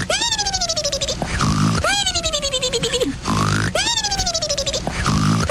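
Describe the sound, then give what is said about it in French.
A voice imitates snoring in three even cycles, each a falling, whistle-like tone followed by a rough, grunting rasp, loud and steady with no other talking. “Ah, j'adore ça, ce ronflement-là.”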